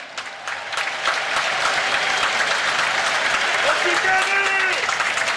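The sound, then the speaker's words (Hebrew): A large football stadium crowd at a Maccabi Haifa vs Beitar Jerusalem match stands and applauds steadily for several seconds as Kenny Saif is substituted off, a dense wash of clapping with scattered whistles rising on top toward the end. “מגיע לו, מגיע לסייף מחיאות כפיים מהקהל שקם.”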